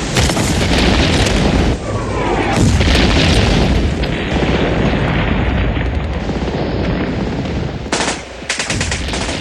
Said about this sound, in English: A large French battery is firing just at our door and make a terrific noise.